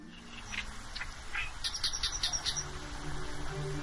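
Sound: migratory birds calling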